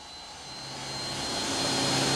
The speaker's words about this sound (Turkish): Problemi çözmek adına her türlü aracı kullanıyorlar. Örneğin bu jet motoru güçlü bir kar üfleyici olarak kullanılmak amacıyla yeniden yaratıldı. Evet arkadaşlar, dünkü fırtınadan sonra rayların üstünde yaklaşık 40 santimetrelik kar var.